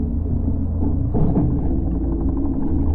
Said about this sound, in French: Oh, un bruit de moteur au-dessus de nous. Pétard, des pêcheurs, manquez plus que ça.